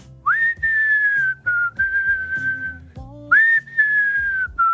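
Someone whistles a slow, sustained song melody, clear bright tones gliding between long held notes, with a short pause midway before the tune resumes, over faint low background accompaniment.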